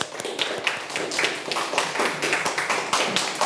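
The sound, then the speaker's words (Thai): A class of students claps together for all the student groups after a group story-outlining activity, a dense, steady patter of many hands with sharp individual claps poking through, holding the same brisk level for a few seconds. “ขอเสียงปรบมือให้เพื่อนๆทุกกลุ่มเลยสุดยอดมาก”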